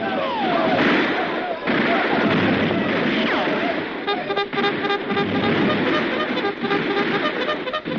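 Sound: heavy gunfire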